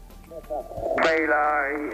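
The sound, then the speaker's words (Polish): A voice speaks briefly, then a radio receiver clicks on and bursts into sustained, fairly loud static hiss laced with a steady buzzing tone that continues to the end. “Znowu, można powiedzieć, komparatywnie do Degena D1103, włączam sobie tę feralną jedynkę.”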